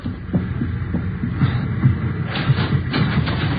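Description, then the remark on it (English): Muffled knocking by a porter on a train compartment door, several dull low thuds falling in loose pairs over a steady rumbling hum, with no voices. “He's knocking at the door to that compartment.”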